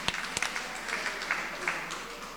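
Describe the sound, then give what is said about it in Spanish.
A crowd at a religious gathering applauds the Heavenly Father in a steady, dense wash of clapping, with a few sharper individual claps standing out at the start; the applause is fairly soft and no one speaks over it. “Una vez más que estamos alegres, démosles un fuerte aplauso a nuestro Padre Celestial que nos tiene con vida.”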